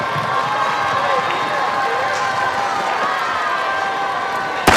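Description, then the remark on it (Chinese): A steady murmur of a crowd fills the background, then a single sharp, loud starting pistol shot cracks out right at the very end, starting the women's 10,000-metre race at the first national Summer Games. “好的，随着一声枪响，比赛拉开了序幕。”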